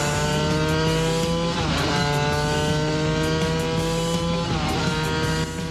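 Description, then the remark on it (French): A classic racing car engine roars steadily with a rich, harmonic drone, its pitch dipping and climbing twice as the driver lifts off and gets back on the throttle, loud throughout with no voices. “Là, le moteur, il a l'air de respirer, comme à l'époque.”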